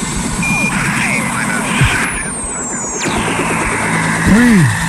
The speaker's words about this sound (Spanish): El helicóptero. Viene llegando. Está el recuerdo. Lo escucho este y me da sed. Ahí, uy. Era como un despegue. Al lanzamiento.